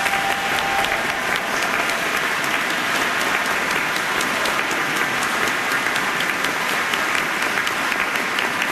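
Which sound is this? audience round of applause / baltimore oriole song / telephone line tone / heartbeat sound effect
audience round of applause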